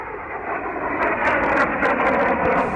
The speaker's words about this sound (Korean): 홍군이 한창 행군하고 있을 때 곤명 쪽에서 비행기 세 대가 날아왔다.